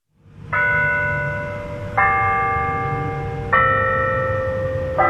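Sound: bells chiming the hour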